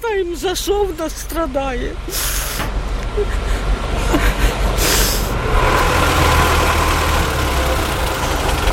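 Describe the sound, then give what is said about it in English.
A heavy fire truck engine rumbles steadily as firemen winch a mangled car off a street in Kyiv, Ukraine, with short bursts of hissing air and a voice talking briefly at the start. “And as firemen winched her mangled car off the street, dust and anxiety remained in the air.”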